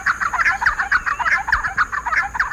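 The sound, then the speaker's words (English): Giant wrens, a Mexican and Guatemalan species nearly 9 inches long, give loud, raucous calls in a rapid, continuous stream of harsh, chattering notes, several birds seemingly calling over one another as they chase through open woodland, with no voices present. “Far from shy, they call raucously as they chase one another through open woodlands.”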